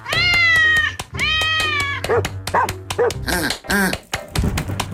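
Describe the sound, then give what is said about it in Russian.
A cat meows twice in long, drawn-out, rising cries, loud, followed by a quick run of short, higher yips and barks like a small dog, in a studio. Nobody speaks. “Кикимора только что на моих глазах обратилась сначала в кошку, потом в собаку, потом в утку, а теперь летает по студии и...”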